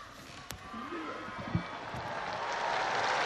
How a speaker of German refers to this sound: Auf den Segen des Papstes folgt der Applaus der vielen Menschen auf dem Petersplatz, die sich eingefunden haben, um die Worte Leos des 14. an sie zu hören.